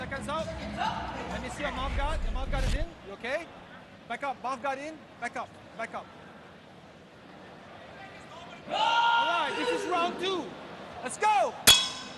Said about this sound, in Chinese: 第二回合钟声敲响，再次来到场地中央。